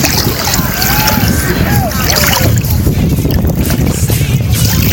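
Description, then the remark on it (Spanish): Steady, loud wind buffets the microphone over churning water and lapping waves on Laguna Merín, a continuous rough roar with faint whistling tones drifting through the first couple of seconds. “Es decir, una laguna merín con olas.”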